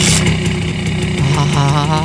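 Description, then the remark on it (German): A Simson S51 moped engine runs loudly and steadily, its low droning hum holding an even pitch, then wavering slightly up and down toward the end as if lightly revved. “Herrlich, dieser Sound.”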